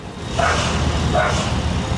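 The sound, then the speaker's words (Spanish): A rescue dog, Perla, barks twice at the rubble of a collapsed five-story building, about a second apart, sharp, over a steady wash of outdoor noise and low rumble. “El perro está ladrando. Parece que hay alguien ahí abajo.”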